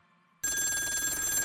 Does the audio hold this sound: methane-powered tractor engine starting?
no